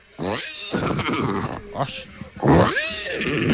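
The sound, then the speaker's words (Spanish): A person loudly imitates a horse's neigh, two long wavering whinnying bursts with a short breathy pause between them, the pitch quavering and sliding. “¿Cómo hace el caballo?”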